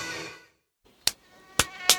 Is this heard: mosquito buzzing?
yes